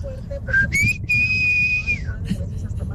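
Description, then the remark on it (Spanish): A person imitates a father's loud, sharp whistle for calling his children: a short rising chirp followed by a long sustained high note that drops off at the end, with low background rumble. “Y pues ese era el chiflido para todo.”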